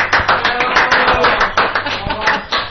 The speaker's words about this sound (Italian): Applauso finto. Comunque, che finto? Applauso, tutti. Applauso.